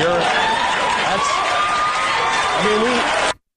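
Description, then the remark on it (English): The studio audience of Jimmy Kimmel's show cheers and whoops loudly and steadily, a dense wash of crowd voices with a few rising shouts, cutting off abruptly near the end. “And people cheer it.”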